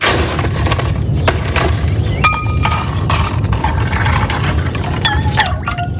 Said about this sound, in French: Alors, instant fraîcheur avec des glaçons.